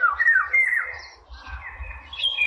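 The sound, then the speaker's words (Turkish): A bird calls in a run of bright, warbling whistles that slide up and down in pitch, pausing briefly midway before resuming, with a low rumble underneath and no voices. “Evet, sesi de çok güzeldi. Dinleyicilerimize veririz sesini şimdi.”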